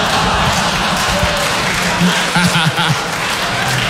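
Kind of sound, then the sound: crowd, applause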